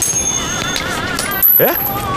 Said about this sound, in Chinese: 来，哎呀，咱问一下老天爷吧，扔个硬币，再是字儿呢，你留下，再是花儿，你随便，咋样？